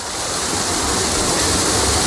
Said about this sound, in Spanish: El chorro central de la Fuente de la Cascada es una imagen icónica de estos jardines, con la fachada principal del palacio al fondo y el agua bajando por sus escalones a lo largo de 80 metros.